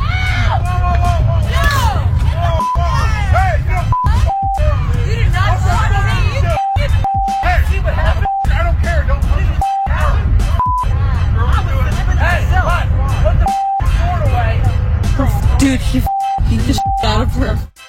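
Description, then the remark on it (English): A loud, chaotic street fight from a viral video, in which a woman is jumped by five other women and her husband jumps in and punches a woman. A crowd shouts and yells over each other throughout, broken up by a series of short, steady high-pitched beeps that cut in repeatedly. “what had happened was a video has gone viral of a woman being jumped by five other women, and her husband jumps in and hits the woman with vicious punches to protect his wife.”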